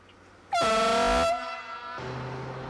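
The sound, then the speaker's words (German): A single loud, sustained horn blast at a track construction site on the Freiburg–Karlsruhe railway line lasts under a second, a bright harmonic tone that cuts off abruptly, leaving a lower steady rumble behind. “Eine Baustelle an der Bahnstrecke Freiburg-Karlsruhe.”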